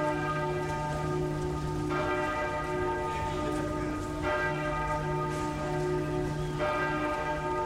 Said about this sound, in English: Hit the bell again, Kobe, just to remind them.